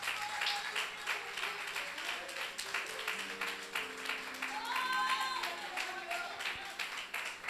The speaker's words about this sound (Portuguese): Pode se assentar aplaudindo o Senhor Jesus. Mais forte para Jesus, mais forte.